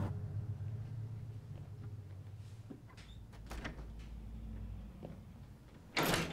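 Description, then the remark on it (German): A few wooden doors open and close as a man enters a house on Shetland, through a white wooden door into a porch and another door into a hallway with a staircase, with knocks, latch clicks and creaks spread out over a low hum, ending in a louder, fuller thump. “Durch eine weiße Holztür betritt er den Windfang und geht durch eine weitere Tür in einen Flur mit Treppenaufgang.”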